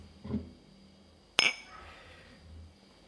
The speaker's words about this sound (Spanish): se empieza con un brindis.